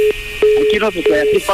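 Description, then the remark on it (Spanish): A steady, fairly loud telephone line tone hums after a call is cut off, briefly interrupted a couple of times, while a voice talks over it. “¡Ya nos colgó el teléfono!”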